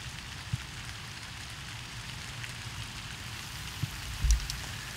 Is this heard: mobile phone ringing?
no